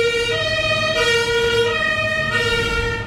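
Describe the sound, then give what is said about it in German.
A loud fire engine siren wails steadily outside, heard through an open window. Its stacked tonal harmonics hold pitch over a low rumble of road traffic, with no one talking. “mach mal kurz das Fenster zu, weil die Feuerwehr da recht laut war gerade.”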